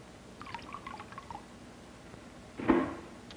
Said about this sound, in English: Then here's an indicator die that I'm going to show you in a moment, and I pour this indicator die in the water, and it turns it a dark blue.